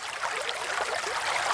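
A gentle, steady trickle of water from a small spring, bubbling and babbling continuously with no voices present.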